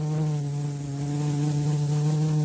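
A steady insect buzz drones continuously for a couple of seconds, a bee's hum with a strong low tone and layered overtones, holding an even loudness with no voices.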